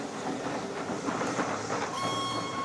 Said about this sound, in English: He turns and watches the steam train going by on a distant bank and smiles to himself.